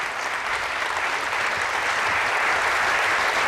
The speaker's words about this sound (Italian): Un applauso accoglie le parole del Santo Padre. Il suo discorso all'interno della sala del Consiglio Grande e Generale in questa sua visita pastorale a San Marino.